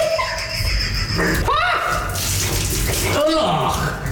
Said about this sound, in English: to the mystery drink challenge, and I got to throw drinks in his face. And I didn't take it easy on him, man. They were some pretty gnarly drinks, to say the least. This is what it sounded like.